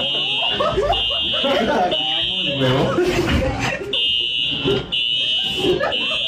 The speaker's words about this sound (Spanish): Claro, la alarma, yo la escuché.